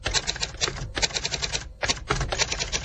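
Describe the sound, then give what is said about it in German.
Rapid, loud mechanical typewriter keystrokes clatter in dense bursts, each key press driving a long lever that stamps a letter onto a sheet of paper with a sharp clack, broken by two brief pauses. No one speaks. “Und dieses Buchstabenstempeln, das kann auch ziemlich laut sein.”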